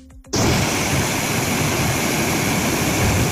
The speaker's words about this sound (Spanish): Lo están escuchando, las lluvias dejaron incomunicado al municipio por carretera durante unas 3 o 4 horas. El agua bajó con fuerza por las ramblas, aunque por el momento no se han registrado daños personales ni materiales.